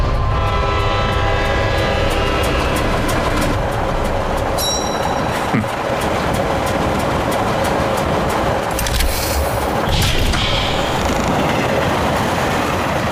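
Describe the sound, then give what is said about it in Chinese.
A train, just taken under control by Major Carnage, rumbles along steadily and loudly, with clattering wheels, metallic screeches and a brief horn-like tone partway through; no one speaks. “卡纳基少校呼叫雷神号，火车已经被我控制。”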